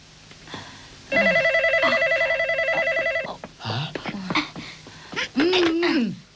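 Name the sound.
telephone being dialed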